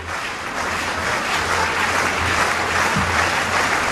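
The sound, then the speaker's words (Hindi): A large crowd of supporters in a stadium claps continuously, a dense, steady wash of applause lasting the whole stretch, with a low hum underneath and no voices standing out. They clap at long jumper Sreeshankar's signal before his final jump attempt. “अपनी दौड़ से पहले अपने खास अंदाज में खुद में जोश भरने के लिए उन्होंने समर्थकों को इशारा किया ताली बजाने का और कूद की शुरुआत की।”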